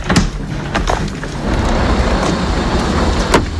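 The heavy engine of a road-service truck rumbles steadily as the vehicle moves off with the afternoon road crew aboard, its low drone filling the space, with a couple of sharp clunks, like a door or loose gear, at the start and near the end.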